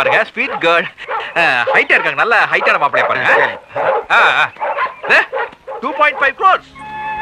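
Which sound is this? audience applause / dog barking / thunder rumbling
dog barking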